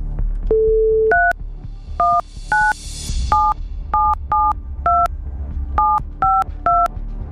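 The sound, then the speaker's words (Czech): A short steady tone, then about ten crisp two-tone keypad beeps as a phone number is dialed at an irregular pace at Rádio Blaník to call a listener who sent in a text message, loud over a low background hum with a brief hiss. “A já už vidím i to telefonní číslo, takže jdu volat.”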